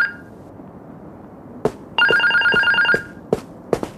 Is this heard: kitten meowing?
no